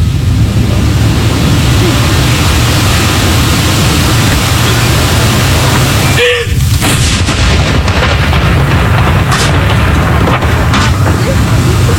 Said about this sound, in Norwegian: Det altså 21 skudd i alt som skal avfyres. Og så det da som vanlig ved sørgesalutt, så det 30 sekunders pause mellom hver avføring.